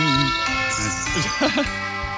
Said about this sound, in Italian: Ma che sono le campane? Aiuto! Ma che cos'è? Ma sono le campane.